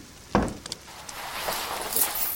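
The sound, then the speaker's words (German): A sharp thump followed by a few quick, bright metallic clinks of coins, then a soft jingling rustle as they settle, fairly quiet with no talking, as coins are handed over. “Aber als ein Mann, der zu seinem Worte steht, bat er mich, euch eure Münzen zu bringen. Hier.”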